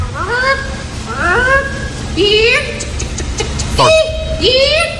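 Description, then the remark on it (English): A woman standing in front of a microphone imitates a chicken, giving about five loud, rising squawks in a steady series with short pauses between them. There is no other talking. “And she stands up in front of a microphone and does some chicken noises.”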